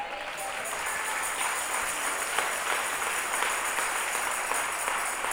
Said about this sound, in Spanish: ¿Cuántos estamos aquí en esta noche? A ver, ¿cuántos podemos darle palmas al Señor?